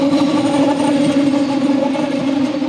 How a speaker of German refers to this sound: Früher, also vor der Sanierung der Gleise, hat man sie kaum gehört. Höchstens das Pfeifen vor unbeschrankten Bahnübergängen. Das brauchen die Lokführer nun eigentlich nicht mehr zu machen. Den Zug hört man schon kilometerweit.